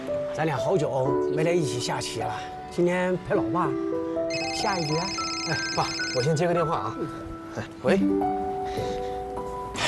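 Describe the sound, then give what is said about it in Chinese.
A phone ringtone chirps for a couple of seconds midway, a bright repeating electronic melody layered over voices and warm background music that carry on throughout. “哎，爸，我先接个电话啊。”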